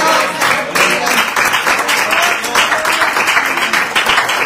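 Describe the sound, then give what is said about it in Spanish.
A church audience applauding Christ during a sermon, a dense, steady wash of many hands clapping at once, loud and sustained throughout with no pauses, even from start to finish. “Denle un aplauso al Cristo de la gloria.”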